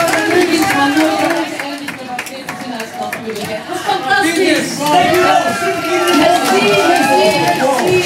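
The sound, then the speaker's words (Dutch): A large crowd at a Radio 2 event in Antwerp applauds and cheers for Bart Peters throughout, with many voices shouting and calling over steady clapping. The noise is loud, dense and continuous, like a packed audience. “En ondertussen applaus voor Bart Peters.”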